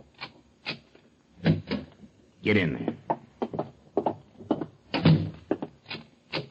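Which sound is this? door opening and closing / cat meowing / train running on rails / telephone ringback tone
door opening and closing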